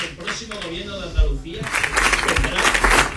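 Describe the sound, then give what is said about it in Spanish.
Vox politician Manuel Gavira speaks clearly at first, giving a speech in Andalusia celebrating Vox's election result, then a crowd bursts into loud, sustained clapping that swells over and partly drowns out his voice, many people applauding. “Le está costando, como decía, dar su discurso porque no sí. paran de interrumpirle los aplausos.”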